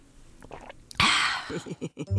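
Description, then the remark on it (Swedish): Drinking: a brief rushing, breathy burst, then a quick run of four or five low gulps as someone swallows a large mouthful of water. “Kanske du ska ta en rejäl klunk vatten?”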